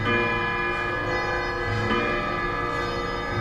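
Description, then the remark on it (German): Wall and grandfather clocks in a clock shop chime together on the full hour, a dense, sustained layer of overlapping bell tones ringing out steadily and fairly loud, with no voices. “Zur vollen Stunde fühlt man sich im Uhrenladen Zeit und Klang zwischen all den Wanduhren und Standuhren fast wie in einem Orchester.”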